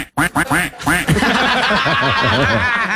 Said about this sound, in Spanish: Pero, ¿Y qué dijo el pato?